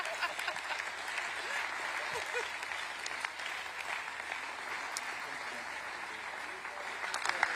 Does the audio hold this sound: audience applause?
yes